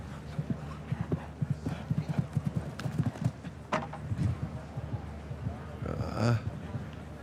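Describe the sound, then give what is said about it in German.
A show-jumping horse, by Kornet Obolensky with dam sire Quidam de Revel, clip-clops in a quick, steady rhythm for several seconds, with a sharp knock partway through as a rail falls, over a low murmur of voices and background noise. “Diesem, Halleluja-Pferdchen hier, Muttervater ist Kidam de Revel, da kommt einiges zusammen.”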